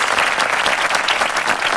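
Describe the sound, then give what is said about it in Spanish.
A burst of dense, steady applause from a group, many hands clapping together at an even loudness for about two seconds, with no one talking over it. “El aplauso con gritos.”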